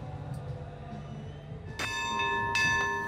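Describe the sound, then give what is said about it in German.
A ship's bell is struck loudly three times in quick succession, opening the arrival parade of the 837th Hamburg Port Anniversary on a windy early afternoon, each clang ringing on with bright, sustained overtones over a low, steady rumble of background noise. “Drei beherzte Glockenschläge und der klassische Wasserschleier des Feuerlöschboots Branddirektor Westphal.”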